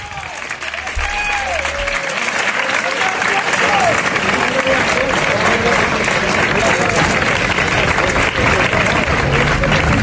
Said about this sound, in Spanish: Lo primero de todo, un abrazo enorme a la memoria y a la familia de Pepe Habichuela. Estas son las palmas a la entrada del féretro en la tarde de ayer.